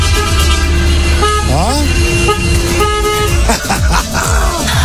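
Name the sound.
car horn honking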